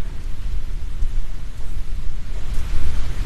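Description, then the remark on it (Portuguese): Steady, very strong rain pours down outside, a dense continuous hiss with a deep rumbling low end, with no voices. “Se eu tirar o fundo musical aí, você vai conseguir ouvir aqui, ó, o som da chuva lá fora.”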